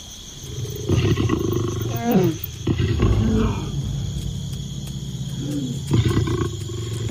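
Deep, rumbling lion roars and growls come in several rough bursts, loud and throaty, over a steady high-pitched insect-like drone that runs throughout.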